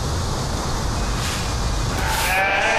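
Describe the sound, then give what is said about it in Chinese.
A single goat bleat rises near the end, a wavering, nasal cry over a steady rushing outdoor background noise on a farm in Mexico; no one speaks. “山羊600年前跟随西班牙人进入美洲，也是何塞这次宴会的主角。”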